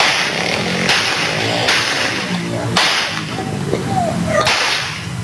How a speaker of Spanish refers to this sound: Un enfrentamiento a tiros, entre delincuentes. Muestran el poder del fuego, pero escuchen, además de ver las imágenes.